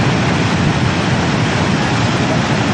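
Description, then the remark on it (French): A loud, steady roar of rushing floodwater from the swollen Lez river in Montpellier, France, flooding the city's quays, a dense churning wash of sound that continues without pause throughout, with no voices. “Les riverains observent avec stupéfaction la montée du Lez et la force du courant.”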